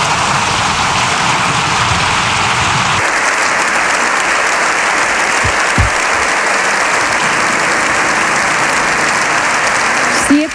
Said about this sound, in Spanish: Minutos de aplausos de los diputados, los senadores y los invitados todos en pie.